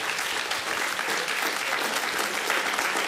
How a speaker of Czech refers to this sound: Stačí. Jen ať tleskají, zasloužíte si to.